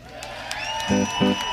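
Audience applause and cheering, a steady wash of clapping with a few sharp accents, mixed with sustained musical tones and two low brassy blasts near the end.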